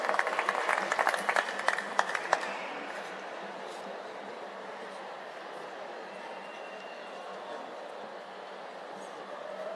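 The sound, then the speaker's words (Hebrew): A burst of audience applause for the chairman of the religious council, many hands clapping, fills the first couple of seconds, then dies away into a steady, diffuse murmur that lingers to the end. “ועל כך מגיע הרבה הרבה מחיאות כפיים וישר כוח גדול ליושב ראש המועצה הדתית רבי עופר קרדי, בכבוד.”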